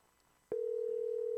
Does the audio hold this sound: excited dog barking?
no